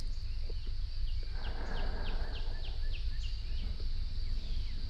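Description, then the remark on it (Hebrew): Birds chirp in a quick run of about eight short, high, falling notes, set over a steady high-pitched drone and a low background rumble, with no one speaking, played at the start of a guided meditation. “נשים לנו קצת ציוצים של ציפורים.”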